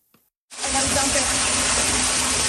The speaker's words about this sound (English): The water came from everywhere, a back-to-back deluge in the Niagara region, dropping an astounding amount of rain. You okay? Crashing down through windows, overflowing the sewers.